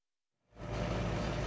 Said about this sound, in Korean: 동트기 전 남아프리카 공화국 케이프타운 인근 한 밀 농장에 트랙터가 들어섭니다.